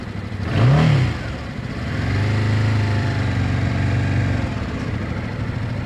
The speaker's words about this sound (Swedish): Så där, jag puttrar iväg här på ettan på övningsbanan i Bromma, och det är riktigt mysigt att få åka motorcykel.